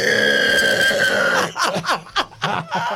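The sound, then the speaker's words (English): A person imitates a pig squeal with a long, loud, high-pitched strained cry, which then breaks into several short, choppy snorting or laughing bursts. “Do a pig squeal.”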